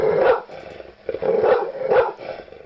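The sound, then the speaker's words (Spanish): Dogs bark in a loud flurry of about three prominent bursts over a few seconds, with rough growling filling the gaps between barks. No speech is heard. “Bueno, los xoloscuintles, pues son perros.”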